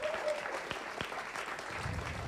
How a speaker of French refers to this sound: Je pense qu'on peut applaudir en effet.